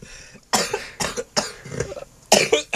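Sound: violent coughing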